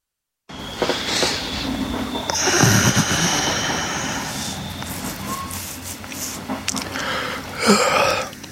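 Inside a train carriage as it rolls into its terminus at Trois-Vierges and slows, with steady rumbling, squealing brakes and clattering mechanical noises, a faint hiss of air near the end.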